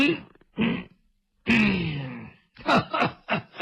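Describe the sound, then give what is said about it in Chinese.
A voice imitates an old woman coughing: two short coughs, a long strained, groaning hack, then a quick run of throaty coughs, close and fairly loud with no words. “哎，我说展昭，看见没有，老太太可是生气了，让你多待两天，你不多待，你看看咳嗽了，把老太太气咳嗽了。”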